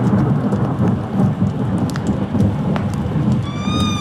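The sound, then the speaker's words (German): Steady rain, the first raindrops of an approaching thunderstorm, hisses and patters while a low, rolling thunder rumble fills the background throughout, loud and continuous with no voices, like a storm drawing close. “Mit den ersten Regentropfen eines nahenden Gewitters hörte ich die Schritte meines Schützlings in der Halle.”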